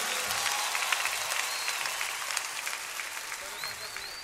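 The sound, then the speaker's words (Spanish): Steady, dense audience applause fills the whole stretch, a continuous crackle of many hands clapping at fairly even loudness, with a few brief voices rising faintly beneath it. “fuertes aplausos para el que se lo merece.”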